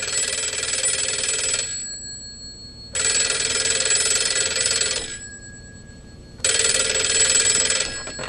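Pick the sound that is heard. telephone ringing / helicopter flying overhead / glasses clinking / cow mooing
telephone ringing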